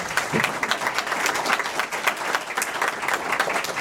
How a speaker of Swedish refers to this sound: Tack, där var den minuten slut, och jag tycker vi ger alla en applåd.